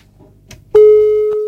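A steady, loud telephone busy tone after a caller's phone call dropped, beginning abruptly after a brief rustle and holding as a continuous pure hum, with a faint click partway through.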